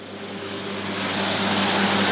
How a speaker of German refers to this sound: Mit zusätzlichen extra breiten Reifen auf der Hinterachse mäht ein Traktor das etwa 1 Meter hohe Gras auf den Moorwiesen